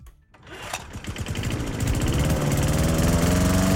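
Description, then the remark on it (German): A lawn mower engine sputters and catches after a brief quiet moment, then revs up into a steady, loud running drone. No one speaks. “Bei uns müssen Sie den Rasenmäher heute nur hören.”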